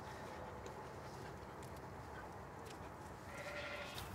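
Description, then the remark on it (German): Sheep bleating faintly a few times over a steady, rustling background noise during a break in sheep shearing, as the sheep pull hay from hay bales; no one speaks. “Und auch die Schafe haben was zum Knabbern gefunden.”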